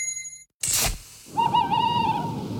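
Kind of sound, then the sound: bird, owl hooting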